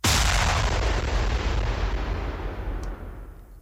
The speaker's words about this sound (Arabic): لكن بعد ثوان قليلة ظهر ذلك الوميض الأبيض، ذلك الضوء الذي لم يكن نوراً، كان بداية الظلام. ثم حدث ما لم يكن يتخيله أحد، دو انفجار ليس كأي انفجار.